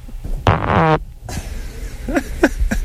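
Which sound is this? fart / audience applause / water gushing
fart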